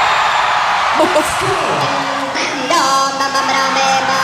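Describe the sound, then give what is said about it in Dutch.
A loud festival crowd at a live show in America roars and cheers steadily, with scattered whoops and rising shouts, then voices join in a sustained sung chant over the din for the last second or so. “Maar hoor het publiek mee zijn.”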